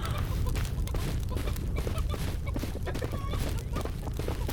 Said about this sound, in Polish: No, kury są. Kury są szybkie. Nie jest to łatwe, słuchajcie.